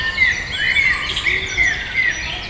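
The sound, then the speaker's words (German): A bird sings a jumbled, tumbling song of varied chirps and warbles with no steady rhythm, continuous against a faint background hiss. “Und dieser Vogel macht so, deswegen ist es auch, glaube ich, schwieriger zu hören, weil es, man könnte es jetzt nicht mitsingen oder nicht so gut.”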